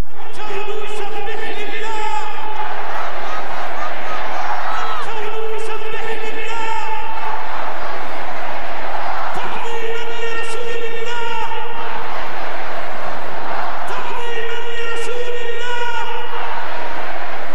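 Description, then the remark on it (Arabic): A huge crowd of millions in a square in Sanaa, Yemen, chants slogans of loyalty to the Prophet and of solidarity with Al-Aqsa and Gaza in unison. The voices rise in loud repeated waves roughly every four seconds, with a steady rhythmic cadence and a dense roar between the chants. “تتداخل هنا هتافات الولاء لرسول الله مع هتافات التضامن ونصرة الأقصى وغزة لتتحول الساحة إلى ملحمة متكاملة”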